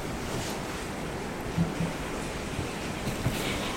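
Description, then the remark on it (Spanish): Steady rain makes a continuous, even hiss that fills the whole clip, with a few soft low thumps underneath and no one speaking. “Está lloviendo, por eso se oye algo de ruido aquí en esta grabación.”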